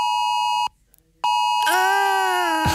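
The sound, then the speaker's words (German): A mobile phone emergency alert beeps loudly during a nationwide warning day test: a steady high electronic tone, a brief gap, then the tone returns and shifts into a harsher, wavering alarm pitch. No one speaks. “Hat's bei euch Vormittag auch so gepiept und gebrummt?”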